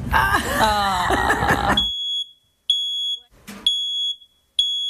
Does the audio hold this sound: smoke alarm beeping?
yes